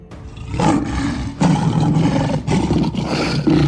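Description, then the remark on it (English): A tiger gives a series of loud, rumbling roars, three long growling bursts in quick succession with brief pauses between, deep and harsh with no one speaking. “The ferocious tiger snuck into the royal sleeping chamber.”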